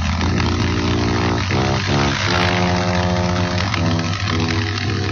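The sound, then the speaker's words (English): A motorcycle engine is started and idles loudly, a steady harmonic rumble whose pitch wavers slightly as it revs a little, as the rider sets off very slowly around a flagpole, continuous throughout with no talking. “And I started the motorcycle, after some help, and started very, very, very slowly to go around the flagpole.”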